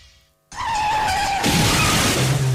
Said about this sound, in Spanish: que le da un restregón al coche aparcando.